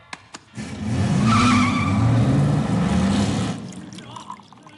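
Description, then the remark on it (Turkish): A car engine roars up and tires squeal as the vehicle peels away on a test drive, a sustained screeching rush lasting a few seconds before cutting off, preceded by a couple of sharp clicks. “E'yi test sürüşüne götürüyorum.”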